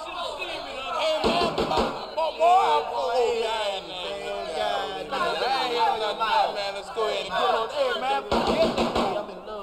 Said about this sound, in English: why don't you answer the door, man? You're the closest one to it.